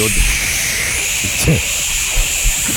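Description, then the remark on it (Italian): A forceful CO2 spray hisses steadily and loudly for the whole few seconds, a bright, unbroken rush, with brief bursts of voices and low thumps beneath it. “Dai, io spruzzo forte.”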